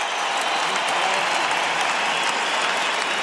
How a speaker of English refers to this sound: So special, so emotional. Look at this crowd. They're all on their feet. Another roar from the crowd.